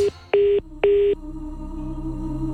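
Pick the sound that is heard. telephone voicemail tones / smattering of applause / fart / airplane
telephone voicemail tones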